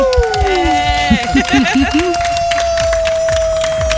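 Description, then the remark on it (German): A group cheers and whoops together for everyone after jointly solving a challenge, with rising and falling shouts, a long steady whistle-like tone, and scattered clapping running underneath for the full few seconds. “Einen großen Jubel und einen Applaus für uns alle gemeinsam.”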